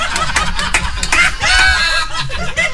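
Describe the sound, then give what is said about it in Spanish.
Chickens cluck busily and loudly, a steady run of short, overlapping calls with a few longer squawking notes mixed in, and no talking. “¿No será de que Don Edgar nos quiere hacer llegar un pollito para ver si es que regalo en el pronóstico?”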